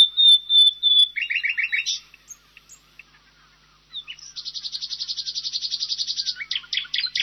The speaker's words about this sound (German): Hier nochmal die Nachtigall im Vergleich.